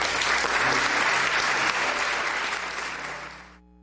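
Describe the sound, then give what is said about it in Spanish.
A crowd claps loudly and steadily, a dense wash of many hands that holds strong for a few seconds, then tapers off and stops abruptly. “Le damos fuerte el aplauso a Jesús.”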